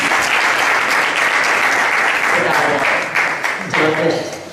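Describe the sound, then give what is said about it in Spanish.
Sustained audience applause at the Play for Life festival in Leganés, welcoming the mayor of Leganés, Miguel Ángel de Cuento, a dense crackle of many hands clapping at steady loudness, with a voice starting to speak faintly underneath as the clapping thins toward the end. “Un aplauso, por favor.”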